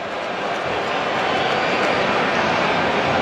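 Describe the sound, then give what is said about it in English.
A baseball crowd at a Mets game against Toronto boos as Mets pitcher Nolan McLean steps off the rubber, a loud, sustained wall of voices that holds steady and swells slightly across the whole stretch, with no one speaking over it. “And the Boo Birds come out.”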